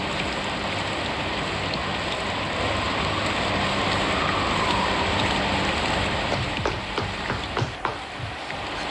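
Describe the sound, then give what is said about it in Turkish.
Steady rain pours down in a dense, continuous hiss, with scattered louder drops pattering nearby toward the end. No voices are heard. “Emir'i paltonu al, yağmur yağıyor.”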